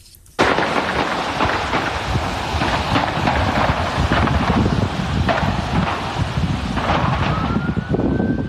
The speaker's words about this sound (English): You just heard there the sounds of the gunshots. An eyewitness recorded as they rang out.